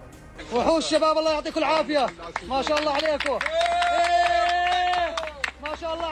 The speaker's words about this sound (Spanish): Son los aplausos y los vítores que han vuelto a sonar durante al menos unos segundos cuando el equipo de rescatistas procedente de Jordania conseguía rescatarle con vida.